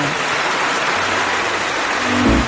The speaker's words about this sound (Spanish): primero que nada, un aplauso para toda la banda que participó.